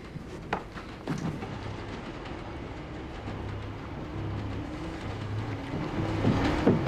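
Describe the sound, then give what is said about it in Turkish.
A train rumbles steadily along the tracks, with a low droning engine hum and faint rhythmic rattling, growing slightly louder toward the end with a brief sharp clank. “Treni durdur! Çarpışmayı önlemek mümkün değil.”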